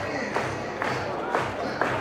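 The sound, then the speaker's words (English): A stadium crowd at a night baseball game, on their feet, roars steadily, a dense wash of cheering voices with four sharp bursts spaced about half a second apart, like rhythmic claps or shouts rising above the din. “Great crowd tonight, on their feet.”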